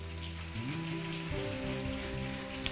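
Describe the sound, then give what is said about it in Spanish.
Steady, dense applause crackles throughout, while sustained keyboard chords play beneath it and shift pitch a couple of times. “Dale un aplauso.”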